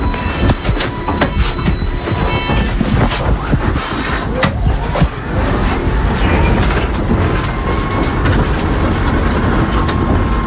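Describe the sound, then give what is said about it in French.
Steady, loud interior rumble of a small yellow-and-black city shuttle minibus in motion on a tour of Tarbes, France, with road and engine noise, faint whining tones and occasional rattles and clicks throughout, no one talking. “C'est une sorte de minibus, un petit peu jaune avec un petit peu de noir dessus.”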